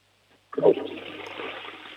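toilet flushing

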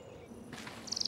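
small bird chirping

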